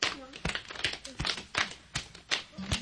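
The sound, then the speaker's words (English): A steady run of sharp slaps, roughly eight in under three seconds, as hands slap the thighs and beat the chest in rhythm while counting, with a faint voice murmuring underneath. “This time, count and slap your thighs and beat your chest.”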